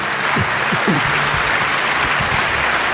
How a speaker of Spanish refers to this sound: Dale un aplauso a Dios si tú puedes.